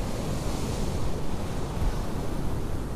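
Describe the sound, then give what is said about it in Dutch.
Steady roar of surf washing onto the beach on the coast of Noordwijk, where the European coastal sea-fishing championships are under way, mixed with gusting wind buffeting the microphone, continuous and fairly loud with no voices. “Aan de kust van Noordwijk zijn op dit moment de Europese kampioenschappen kustvissen bezig.”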